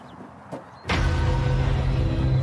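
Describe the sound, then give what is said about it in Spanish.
After a brief quiet moment and a faint click, a hydraulic rescue cutting tool, used for cutting open cars, starts abruptly and runs with a loud, steady motorized drone until the end as it is tested on a cow bone. No one speaks. “Nunca nos da problemas cuando necesitamos abrir un coche.”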